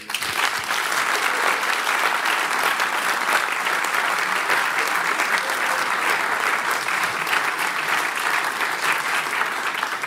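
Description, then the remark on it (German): An audience at a Bayern 2 audience-prize book reading evening applauds the evening's sound designer, an artist, steadily for about ten seconds, a dense, even wash of clapping from many hands that stays loud throughout without pausing. “Bitte Applaus.”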